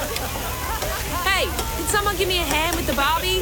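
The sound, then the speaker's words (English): Food sizzles steadily on a barbecue grill, a constant hiss and crackle, while indistinct voices and chatter rise over it in the second half. “Someone give me a hand with the Barbie.”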